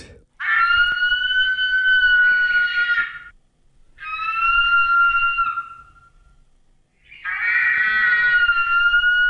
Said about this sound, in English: 350,000 years ago, New Zealand looked and sounded different from how it looks and sounds today. For a start, you would have heard the cry of the biggest eagle there ever was, reimagined by Te Papa and RNZ.